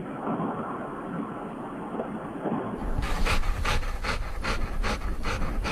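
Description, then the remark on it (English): A dog pants with quick, regular breathy huffs, played as a sound effect. A steady muffled rush comes first, then the panting turns brighter and more rhythmic toward the end. “Oh, it sounds like my dog after he chases his dog.”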